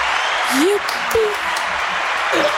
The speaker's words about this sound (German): Vielen Dank, dass wir mitgespielt haben und jetzt erstmal ein Applaus für uns.